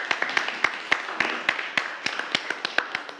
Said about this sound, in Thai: ปรบมือให้เพื่อนด้วยครับนักเรียน